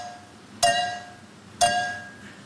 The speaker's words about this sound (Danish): Ja, det her klip er altså fra et tysk gameshow, og jeg havde ikke troet, at jeg skulle sige det, men han er simpelthen blevet slået nu af en tysk pige, der simpelthen kan høre, hvor mange milliliter der er i to glas, der bliver stødt sammen.